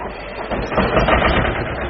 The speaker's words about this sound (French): Non, le tracteur, c'est pour moi le véhicule utilitaire parfait, quoi. Ça tire, ça pousse. Et ça fait du bruit. C'est un deux cylindres, alors ça cogne un peu, ça ronronne. On ne tourne pas comme une Formule 1.